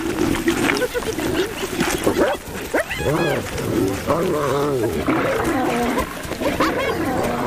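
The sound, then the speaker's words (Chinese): Loud, chaotic animal fight over prey: lions roar and snarl continuously while spotted hyenas, joined by their matriarch, counterattack with high, wavering whoops and yelps, the din rising and falling without pause. “哈拉卡和女族长玛吉亚联手向狮子发起反击。”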